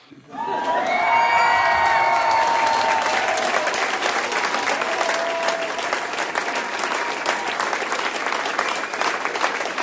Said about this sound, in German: Also, Jubel!